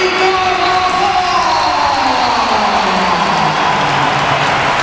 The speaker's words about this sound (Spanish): Y ahora va la ovación para Carvajal.